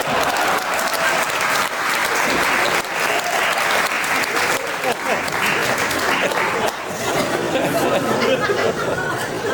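An audience claps steadily and loudly for several seconds for a stage performer's assistant, a dense crackle of many hands with some crowd chatter mixed in, the applause continuing without a break to the end.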